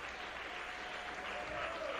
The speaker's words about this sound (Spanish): Dale un aplauso al Rey.